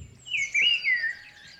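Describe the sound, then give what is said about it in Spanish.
A person whistles a bird-like chirp, a bright high warbling call rising and dipping over about a second, alone without talking. “Uy, qué bien imitas a los pájaros, tío.”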